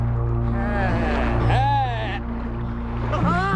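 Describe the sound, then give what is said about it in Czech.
A wooden boat is pushed off the shore by one man through the shallows into the water, a low scraping and sloshing under strained, effortful voices that rise and fall throughout, with a steady low hum behind them. “Takhle od břehu neodrazíme. Protože jste oba neschopní. Já loď roztlačím sám.”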